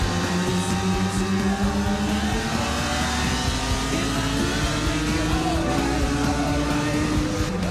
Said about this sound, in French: Pouvoir rouler sur une vraie moto d'usine, la 750 Yamaha de Kenny Roberts. Mais c'est magique, quoi.